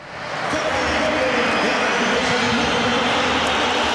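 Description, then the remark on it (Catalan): At the Metropolitano stadium, the crowd whistles at the player Julián as his name is announced over the public address before the match: a dense, loud, steady wash of jeering whistles and roar lasting throughout, with faint high whistle tones rising above the noise. “A Julián l'han xiulat quan han anunciat el seu nom per megafonia a l'estadi, al Metropolitano.”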